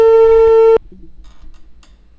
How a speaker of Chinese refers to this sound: 电话播出，我们共同耐心等待。